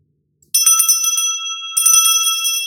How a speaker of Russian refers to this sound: Впрочем, у дверей дома профессора решимость ненадолго оставила ее. Как-то примет ее Вайерштрасс? Вдруг он не захочет даже разговаривать с ней? Но будь что будет. И она протянула руку к дверному колокольчику.